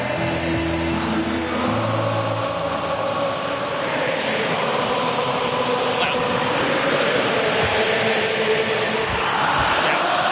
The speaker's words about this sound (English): The crowd in full voice, incredible noise, singing around the Gabba, just letting it roll as the play is back underway.